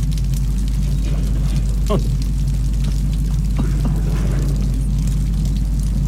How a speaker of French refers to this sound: Bruit de l'eau, hein. Comme une cascade.